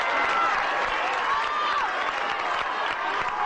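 Steady, dense applause from an audience welcoming the company's general manager to speak, a sustained wash of many hands clapping at an even loudness with no voices over it.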